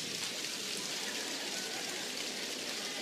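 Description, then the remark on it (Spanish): A crowd claps three fingers against their palms, producing a dense, steady patter that imitates heavy rain, fairly loud and continuous throughout with no voices. “Tres dedos. Miren cómo la lluvia es más intensa.”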